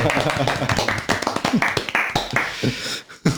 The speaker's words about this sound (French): Et ça s'applaudit la poésie du coup Ah, chez nous, oui.